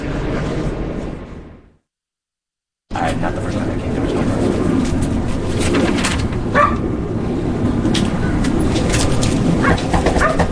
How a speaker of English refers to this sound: We're in the Mission District on a beautiful Monday afternoon, waiting for someone to answer our repeated knocks. They pulled the dog away. The dog would constantly be barking.